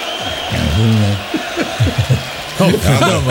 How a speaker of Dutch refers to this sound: Ja, dat is alleen maar gillen van het publiek en zo. Dat is een beetje zonde van onze tijd.